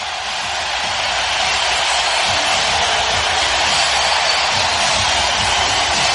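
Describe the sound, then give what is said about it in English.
A hockey arena crowd roars in one continuous, loud wall of noise during the first period of game 5, with the Carolina Hurricanes leading 3-0. The roar stays steady for the whole stretch, with no single voice or pause breaking through. “Listen to this crowd.”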